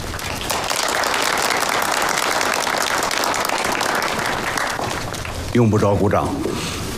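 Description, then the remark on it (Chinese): A crowd at an army meeting applauds steadily for several seconds, a dense wash of clapping, as Commander Peng is invited to give a report, before it fades and a man's voice begins speaking at the end. “用不着鼓掌”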